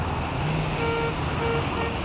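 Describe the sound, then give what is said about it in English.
Steady road traffic rumbles with a constant wash of engine noise, while a car horn sounds over it for about a second, then briefly again. “No traffic to negotiate.”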